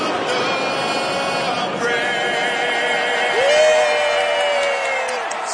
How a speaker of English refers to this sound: And the crowd goes nuts.